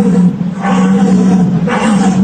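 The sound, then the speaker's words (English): A deer's rutting call imitated at a deer-calling competition by a person blowing through a wooden tube held deep in the mouth: a loud, sustained low groan that swells twice into raspier, breathy roars. “And this is what it sounds like when they call deer in the deer hunting competition.”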